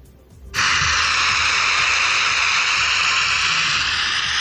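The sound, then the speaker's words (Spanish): A dense, steady wash of crowd applause at the door of the town hall, after a minute of silence, from residents, visitors, authorities and security forces. It begins abruptly and holds at a constant loud level for over three minutes, the many overlapping claps blurring into a hiss-like roar resembling heavy rain. “Pues no es la lluvia, es el sonido de los aplausos en la puerta del ayuntamiento.”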